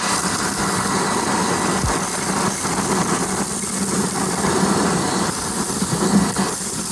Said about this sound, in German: Ja, und die nächsten Sekunden gehören mal hier dem Staubsauger. Bitteschön.